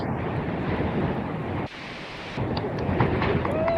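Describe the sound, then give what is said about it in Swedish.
Strong wind roars and buffets across an exposed rocky coast at Hönö in the archipelago, picked up by a phone lying in a rock crevice, in a continuous low rumble, dropping to a brief lull midway before gusting back up. No voices. “Jag har mest blåst.”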